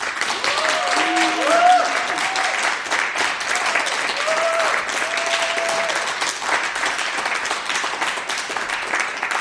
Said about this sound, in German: Und das heißt, es wird heute Abend auch Applaus geben. Und ich schlage vor, wir probieren das mal aus, so auch als Begrüßung für alle, die uns zuhören und auch natürlich für die Bands.